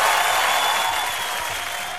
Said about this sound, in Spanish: Vamos a detenernos ahí porque esto merece un aplauso. No, ¿saben qué? Esto merece una ovación.